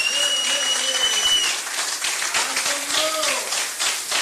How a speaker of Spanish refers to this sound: Dele fuertes aplausos a Cristo en esta bendita noche.